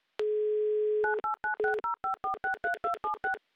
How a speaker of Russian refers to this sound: Набран номер телефона, звонок идет недалеко, а значит, скоро должны появиться гудки, но мне очень хочется в это верить. И да, они случились.